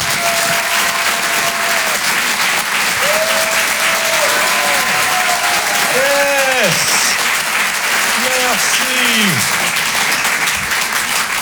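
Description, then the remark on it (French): Loud, sustained applause from a comedy show audience for comedian Omar Dob, dense clapping filling the whole stretch, with rising whoops and cheers breaking through in short bursts over the noise. “Faites du bruit s'il vous plaît pour Omar Dob.”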